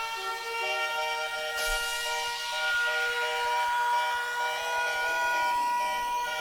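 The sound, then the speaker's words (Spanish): An alarm sound effect of the radio station Candela Estéreo Cali: a shrill, steady alarm blares without a break, its buzzing tone rich in overtones. After a second or so, a loud hissing whoosh rises and slowly sweeps downward beneath it. No one speaks. “Se encienden las alarmas de candela.”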